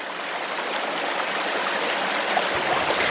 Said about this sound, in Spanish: Estamos en la chorrera de calabazas, justo donde el agua salta varios metros al vacío para caer en una pequeña pocita.